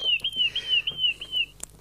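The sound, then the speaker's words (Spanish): A small bird chirps in a quick, continuous run of high, warbling notes lasting about a second and a half, fairly clear, ending with a brief sharp tick. “estrenamos pajarito, ¿veo?”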